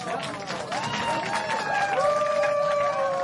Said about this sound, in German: Ein Applaus für das.